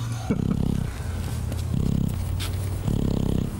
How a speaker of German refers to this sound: Hier hört man, wie er schnarcht.